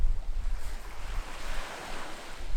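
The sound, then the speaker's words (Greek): Gentle waves lap continuously at the shore of Xiropotamos beach, a steady wash of water with some low wind rumble underneath and no voices. “Παραλία Ξηροπόταμος. Σαν ιδιωτική πισίνα.”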